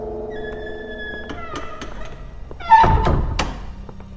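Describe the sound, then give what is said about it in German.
A door is pushed shut with one solid thunk, preceded by a few light clicks and taps, while a quiet sustained tone hums in the background. “Schließ die Tür.”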